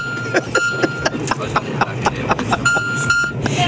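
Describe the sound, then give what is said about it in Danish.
A shrill electronic beep, the only sound the train's loudspeaker system plays, sounds twice, each tone held steady, over a busy background of rhythmic clacking and indistinct voices. “Altså, så hver gang, der skulle være lyd i højtaleren, ja, så var det den der irriterende biplyd.”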